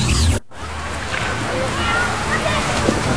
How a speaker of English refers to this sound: These are the sounds of Idaho's waters.